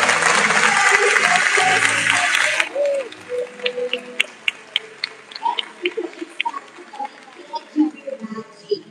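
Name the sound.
audience applause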